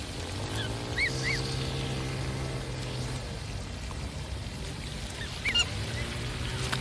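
Black swans at a feeding spot on the shore give short, bugling calls in two brief clusters, one early and one near the end, over a steady low background rumble outdoors.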